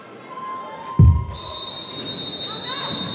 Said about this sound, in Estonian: nii , siis näitame korraks veel fänne , start tundub natuke viibivat , aga nüüd kuuleme juba vilesid .